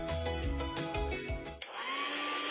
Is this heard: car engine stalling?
no